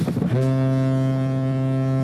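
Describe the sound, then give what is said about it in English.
A ship's foghorn sounds a deep, steady, sustained blast with rich harmonics. It swells in after a brief rumbling start and holds loud and unbroken throughout, with no voices. “If you live near the river, or if you've ever been anywhere near a river, you hear foghorns.”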